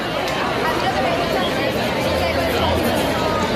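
Dense crowd chatter at a housing protest camp in the Plaza de la Constitución in Málaga at night, a steady babble of many overlapping voices with no single speaker standing out, holding an even loudness throughout.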